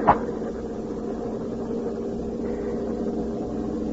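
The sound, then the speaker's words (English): A heavy armored truck drives along with a steady, low engine drone, after a brief sharp knock at the very start. No one speaks. “It is hot in these armored trucks.”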